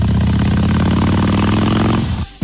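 A motorcycle engine runs steadily with a loud, low, rumbling throb and a rattly mechanical texture, holding an even pitch before cutting off abruptly near the end.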